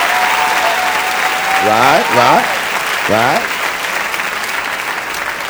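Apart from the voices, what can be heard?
audience applause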